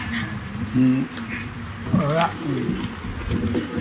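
A tiger lets out several throaty roars and growls in short bursts, close and fairly loud, with faint background noise between the calls.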